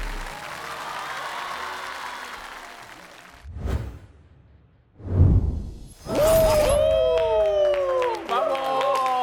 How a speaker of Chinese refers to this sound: 请回到舞者大厅来，掌声给他们。这是我们今天第一个作品，谢谢。